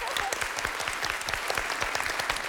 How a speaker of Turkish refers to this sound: Alkışlıyorum.